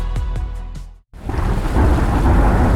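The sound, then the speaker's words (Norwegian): Steady heavy rain pours down, with a loud rumble of thunder rolling in close after a brief sharp break, no voices present. “Ja, der kommer regn igjen.”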